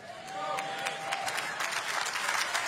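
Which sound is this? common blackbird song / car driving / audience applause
audience applause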